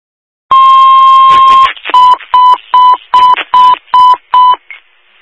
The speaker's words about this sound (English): Sonoma County, West Winfield, second tones, driver needed for an EMS call, 2614 State Route 8 in Brookfield, campsite D5 for a 30-year-old female, seizures.